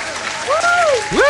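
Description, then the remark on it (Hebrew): An audience applauds in a steady, dense patter of clapping, with a couple of voices calling or cheering out over the noise. “אין לנו דעה, אין מה לעשות, אין לי בארסנל, אבל כפיים שוב פעם.”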